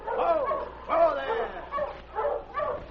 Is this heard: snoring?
no